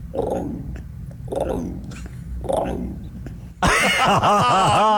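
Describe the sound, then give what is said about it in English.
A person imitates an emu with three low, throaty booming pulses in a slow rhythm, then a sudden burst of loud, wavering vocal sounds takes over. “Oh, yeah, give us an emu.”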